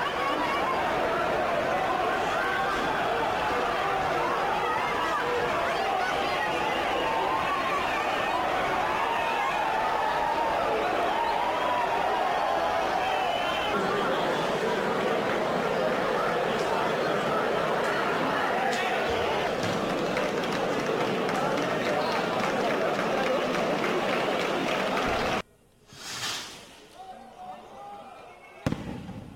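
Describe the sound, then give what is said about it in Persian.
Loud, dense crowd noise from the running of the bulls at the traditional San Fermín festival in Pamplona, Spain, with shouting and running bodies in a steady clamor that cuts off abruptly near the end, leaving a few brief, quieter sounds. “بعد در سومین روز از برگزاری جشنواره سنتی سان فرمن در شهر پامپلونا در اسپانیا دست کم 5 نفر در جریان دویدن با گاوها زخمی شدند.”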